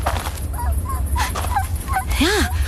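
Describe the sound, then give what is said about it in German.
A dog whimpers on a path in a string of short, high-pitched whines, the last one rising and falling more strongly, heard over a steady low background rumble. “Hörst du das? Was? Ein Winseln.”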